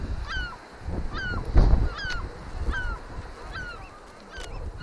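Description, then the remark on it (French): Adult seabirds and chicks call over and over at a colony on the island of Sésambre, a steady series of harsh, honking cries about once a second, over a low rumble of wind and surf. “Donc là, je vois bien que les oiseaux sont bien dégourdis, les poussins sont bien dégourdis, là, donc, je ne veux pas prendre de risques.”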